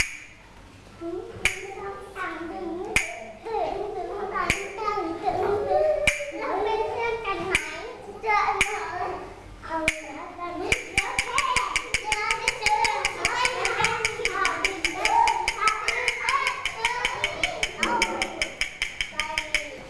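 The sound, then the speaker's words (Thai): Children clap their hands to a beat set by their teacher, clapping when the teacher holds up a square shape, first in scattered sharp claps, then in a fast, steady run of claps, with voices talking and chattering underneath throughout. “ถ้าคุณครูชูรูปสี่เหลี่ยมขึ้นมาให้เด็กๆปรบอะไรปรบมือยอดเยี่ยมเลยค่ะเดี๋ยวเรามาเคลื่อนไหวกันต่อนะคะเด็กๆฟังจังหวะจากคุณครูนะ”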